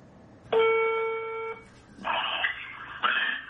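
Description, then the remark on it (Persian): A telephone ringing tone on a recorded phone call, a student calling Haj Saeed Tousi: one steady electronic tone lasting about a second, followed by two rougher, buzzier rings with short gaps between them, moderately loud and slightly lo-fi. “یکی از شاگردای حاج سعید طوسی زنگ میزنه بهش.”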